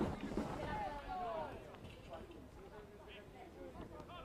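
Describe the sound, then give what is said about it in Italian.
Taranto football supporters cheer and chant in a steady, dense roar in the stadium during a match, with some sung tones rising above the noise and a voice commentating over it. “In sottofondo continuate a sentire i tifosi del Taranto.”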